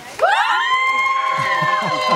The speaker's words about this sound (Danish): og det er jo så publikum her, der skal bestemme, hvad vi skal høre. Nu må vi se, hvor meget I er med til at råbe her.